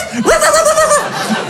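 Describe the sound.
A man's voice, from behind a door, gives one drawn-out, throaty bark in imitation of a dog, loud, rising sharply and then holding steady for under a second before cutting off.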